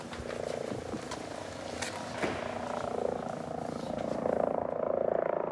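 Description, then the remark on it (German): A helicopter heard in the distance, about to land in a yard: a steady low rumble with a fast, even rotor chop that grows gradually louder toward the end, with no voices. “Ich glaube, wir hören schon irgendwas in der Ferne. Tut schon Schläge.”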